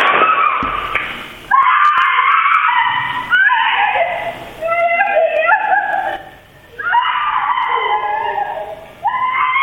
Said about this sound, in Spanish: Esto es, este grito aterrador es lo que despierta a todos los vecinos.